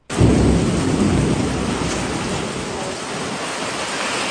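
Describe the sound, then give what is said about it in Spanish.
Heavy rain pours down steadily with strong wind roaring through it, a dense, constant rush of noise with a deeper rumbling swell at the start. “Está buena la lluvia, paisanos, está recio. La lluvia. Mucho viento, bastante viento, diría yo.”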